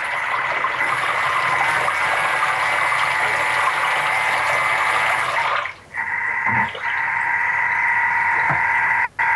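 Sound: water churning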